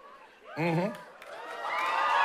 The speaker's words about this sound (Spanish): Claro, como los que acaban de gritar.